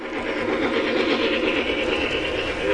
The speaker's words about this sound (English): At the entrance was a massive model train setup featuring intricate, hyper-realistic scenery. The trains held the attention of young and old as they trundled around the tracks.